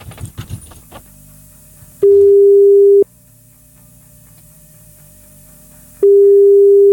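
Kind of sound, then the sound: signal or alarm, telephone ringback tone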